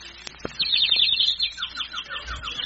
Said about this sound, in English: look at the little bird over there in the tree. Isn't he pretty?